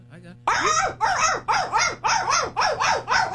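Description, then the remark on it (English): A rapid series of loud, high-pitched chirping calls from African painted dogs, about eight bursts in quick rhythmic succession, bright, following a brief faint murmur. “First are the African painted dogs.”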